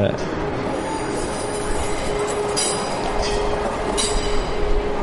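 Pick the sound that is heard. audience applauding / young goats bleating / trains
trains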